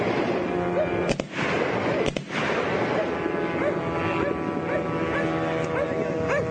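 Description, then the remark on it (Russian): Two sharp, loud gunshots fired at a Ukrainian drone over the Gulf of Finland crack about a second apart, cutting through a dense, constant background roar with faint voices and chirping sounds mixed in. “Не знаю, что они пытаются с оружием сделать. Ты там хрен попадешь в него.”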